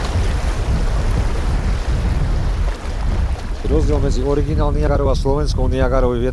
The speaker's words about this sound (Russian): Ровный участок заканчивается. Река вновь делает поворот под прямым углом. Усиливающийся шум воды предвещает очередные пороги. Впереди местный Ниагарский водопад.